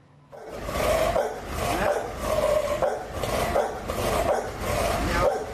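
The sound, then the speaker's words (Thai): A dog barks loudly and steadily, about six deep, rough, almost roaring barks at an even rhythm, one roughly every second, with no talk over them. “หมาอยู่ไหนหมาเนี่ยเดี๋ยวนะเดี๋ยวยังจะปิดประตูก่อนคุณจะปิดประตูก่อน”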